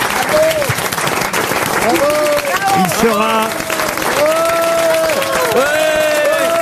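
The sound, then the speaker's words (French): Sustained, loud applause with some cheering from a studio audience for Marc-Antoine Lebré on the show Les Grosses Têtes, filling the whole stretch as a dense wash of clapping, while a man speaks over it. “Eh ben, on peut applaudir Marc-Antoine Lebré.”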